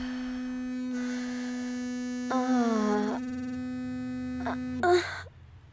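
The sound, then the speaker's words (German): A Womanizer vibrator, placed on the clitoris, buzzes steadily at a low, even pitch throughout, unbroken, while a couple of breathy sighs or gasps rise briefly over it near the end. “Er vibriert.”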